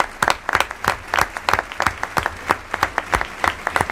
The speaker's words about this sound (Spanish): Aplauso también para el resto del equipo que hizo posible esta función de radioficción.